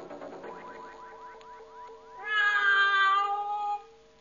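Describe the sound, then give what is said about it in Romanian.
A cat prowling the rooms of a castle at night in search of food meows with no one talking: a quick run of short rising chirps, then one louder, drawn-out wail that trails off after a second or so. “Numai pisica bântuia prin încăperile castelului căutând ceva de mâncare.”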